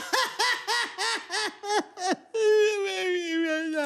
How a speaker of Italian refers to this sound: Crud piange.